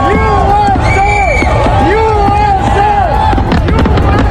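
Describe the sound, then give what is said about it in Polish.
A large crowd at the countdown in New York's Times Square cheers loudly and without pause, with rising and falling whoops and shouts cutting through a dense wall of excited voices and scattered sharp pops. “Odliczanie na nowojorskim Times Square to początek urodzin Ameryki.”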